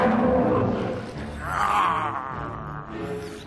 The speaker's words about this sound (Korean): 설마 이건 호랑이?